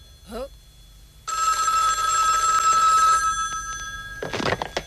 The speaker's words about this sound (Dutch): Oh, telefoon. Telefoon.